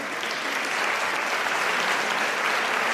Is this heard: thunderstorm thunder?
no